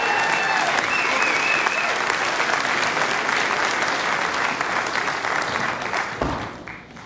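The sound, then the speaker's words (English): Loud, sustained applause from a large audience after a live music performance fills the whole stretch, a dense wash of clapping that thins out and fades near the end. “One more big round of applause.”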